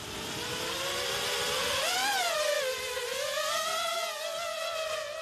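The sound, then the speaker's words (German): Drone rotors buzz in a steady, high-pitched whine that swells and dips in pitch as the motors speed up and ease off during a pre-flight rotor test, continuous for several seconds with no voices. “Teste die Rotoren. Flugbereit.”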